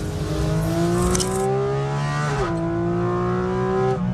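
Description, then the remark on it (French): A 4-litre naturally aspirated Porsche flat-six engine howls loudly as it revs, its shrill tone climbing steadily, dipping briefly at a gear change midway, then rising again. No one speaks. “C'est celui du flat 6 atmosphérique de 4 litres.”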